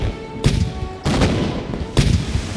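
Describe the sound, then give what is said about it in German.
Three heavy cannon blasts from a pirate ship boom out at uneven intervals as the pirates fire on an enemy ship, each leaving a thick, rumbling roar that fills the gaps in between. No voices can be heard. “Jetzt heißt es, Feuer frei. Sie schießen mit ihren Kanonen auf das gegnerische Schiff.”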